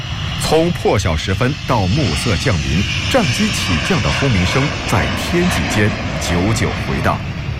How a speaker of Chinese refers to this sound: 上下酷暑，空军航空兵某团的停机坪上，一架架运20整齐列阵，各类保障车辆往来穿梭。从破晓时分到暮色降临，战机起降的轰鸣声在天际间久久回荡。